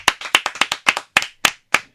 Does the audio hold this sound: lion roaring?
no